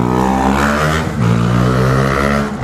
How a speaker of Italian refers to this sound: Qua siamo in pieno traffico, a proposito di trambusto.